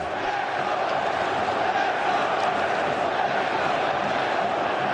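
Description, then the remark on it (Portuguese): A dense, steady roar of a large stadium crowd, Cruzeiro football fans chanting together in a continuous wall of voices, shouting the name of player Wesley, that stays loud and even throughout, with no single speaker standing out. “Vamos ouvir o torcedor do Cruzeiro, que há pouco homenageou o treinador adversário, Leonardo Jardim.”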